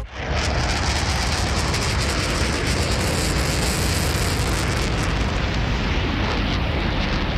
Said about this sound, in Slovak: Letiaca včela. Áno, takto počujú bežné zvuky deti s autizmom, ktoré sú hypersenzitívne.